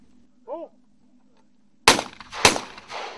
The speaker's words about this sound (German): Und Sie können hier gleich sehen, wenn der erste Schuss fällt. Die Tauben sind gut, sehr gut sichtbar.